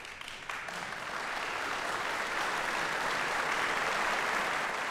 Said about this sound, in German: Ich möchte aber den Applaus nicht unterschlagen, denn Lise de la Salle hat ihn wirklich verdient. Hier kommt also jetzt noch der Beifall des Bremer Publikums.